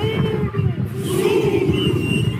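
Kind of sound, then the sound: crowd, men shouting battle cries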